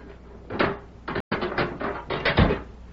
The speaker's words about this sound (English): That evening, Sheriff Matt Gorman went to Deke Bauer's cell and unlocked the door.